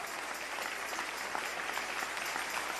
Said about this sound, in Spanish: Dale un aplauso al Rey en esta hermosa y preciosa tarde, aleluya.